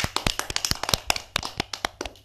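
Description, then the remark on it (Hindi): A small audience claps together in a brisk, slightly uneven burst of sharp hand claps lasting a couple of seconds, with no voices, then trails off, applauding a girl's song at a program. “सबको रहानी दीदी का गीत कैसा लगा? बहुत अच्छा। तालियां हो जाएं।”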